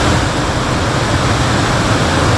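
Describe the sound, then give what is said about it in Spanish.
A steady, loud roar of water pouring over the spillway of the Recoleta dam in the morning, a dense continuous rush with no breaks and no voices. “El tranque está sigue botando más agua a esta hora de la mañana.”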